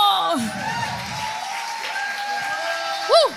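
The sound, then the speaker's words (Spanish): A church audience erupts in sustained applause and a powerful shout, with raised voices and whoops carrying over steady clapping, and a sharp cry rising briefly near the end. “Hay alguien que tiene que dar un grito poderoso.”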